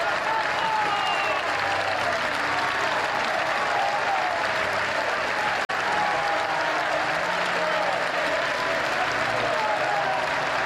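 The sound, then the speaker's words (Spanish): A large crowd at the funeral of Franco Baresi applauds without pause as his coffin appears at the Basilica of San Ambrosio, a thunderous applause lasting over six minutes; a dense, steady roar of clapping hands that stays loud and even throughout, broken only by a split-second gap near the middle. “Un aplauso cerrado y estrenduoso que se prolongó por más de 6 minutos rompió el aire.”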